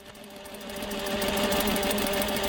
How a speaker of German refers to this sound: Frauen in hellrosa Kitteln und grünen Hauben beugen sich über ihre Stoffstücke. Ihre klobigen industriellen Nähmaschinen rattern in diesem Arbeitsraum im Frauengefängnis von Tochigi.